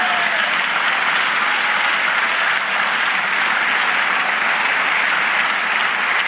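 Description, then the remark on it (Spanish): A church audience applauds the Lord steadily, a dense wash of many hands clapping at once that holds at an even, fairly loud level for several seconds without a break. “Dale aplauso al Señor.”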